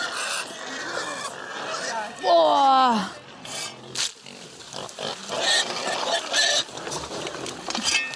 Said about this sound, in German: Was ist denn hier los? Ja, hier spielen die gerade wilde Sau im Schweinestall.